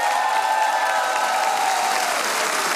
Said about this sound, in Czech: Zdravíme vás všechny, 24. díl pořadu Rozhlas jede za vámi a takhle vám tleská nabitý kulturní dům v Čelákovicích.